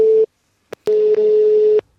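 A steady electronic telephone tone sounds in two bursts, a short beep then a longer sustained one, with brief clicks between them, fairly loud and clear with no voices.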